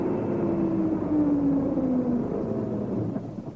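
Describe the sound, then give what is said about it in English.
A lorry's heavy engine rumbles as it slows and pulls up on a road beside a broken-down car blocking the way, its droning note dipping as it settles, loud and steady throughout with no voices. “Anyway, here it comes. We'll soon know. Yes, it is a lorry.”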